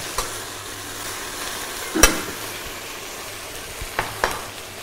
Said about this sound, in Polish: To nam się wszystko podsmaża, poddusza.